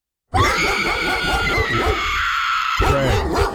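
A pit bull barks in a loud, harsh, nearly continuous burst of strained yelping that runs for about three seconds with no one talking over it.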